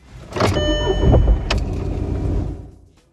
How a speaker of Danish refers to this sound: Der er også lyden af, hvordan det lyder, når motoren starter.